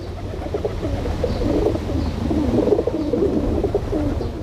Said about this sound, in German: schau, diese Taube, die ist sehr schön und so.